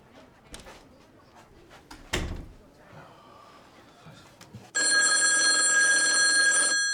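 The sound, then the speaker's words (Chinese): A loud electronic telephone ring starts abruptly after a few seconds of scattered handling noises and a thump, then holds steadily for about two seconds. No one speaks. “喂，您好。啊，您稍等一下啊。杨妹妹，电话。”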